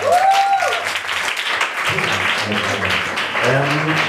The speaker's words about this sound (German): Bitte einen großen Applaus für unseren ersten Poeten.